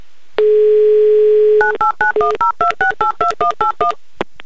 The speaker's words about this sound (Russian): Светлана, подойдите к телефону, я набираю ваш номер.